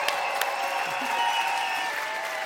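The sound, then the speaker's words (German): An audience at the Z-Bau during the ARD Sounds Festival claps steadily, a dense wash of many hands with no pauses, holding at a fairly even loudness throughout. “Applaus für euch.”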